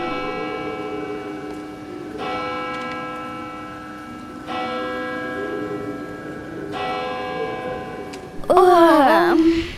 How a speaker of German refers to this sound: So wie schon viele Male gongte es nun zu Mitternacht.